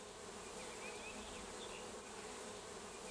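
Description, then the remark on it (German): A dense, steady hum of a honeybee colony buzzing at the hive, a continuous droning swarm sound with no pauses and no voices. “Damit platzt ein Bienenvolk schnell aus allen Nähten und teilt sich.”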